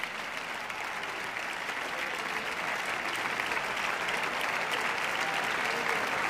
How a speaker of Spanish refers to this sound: Reparte los aplausos con los músicos de la orquesta. Y baja del podio. Y la orquesta se disuelve, con lo cual oficialmente este concierto ha finalizado.